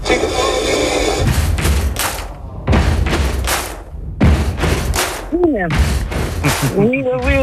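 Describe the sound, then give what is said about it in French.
A loud stomp-stomp-clap rock rhythm repeats steadily: two heavy low thuds followed by a sharp clap, cycling over and over, with a singing voice joining in near the end. It is a song played on the radio alarm on ICI Besançon this morning, used for a musical blind test. “Effectivement, cette rythmique, elle est reconnaissable entre mille, on est d'accord.”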